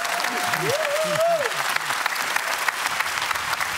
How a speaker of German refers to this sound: Guck mal, jeder Applaus tut doch gut, oder? Ist das doch immer schön.